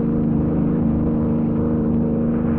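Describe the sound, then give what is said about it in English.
A high-powered car's engine roars steadily as it gives chase along a road, its deep, throbbing drone holding loud and unbroken throughout with no voices. “Finding Lois and the bill of sale missing, he and Kelly give chase in a high-powered car.”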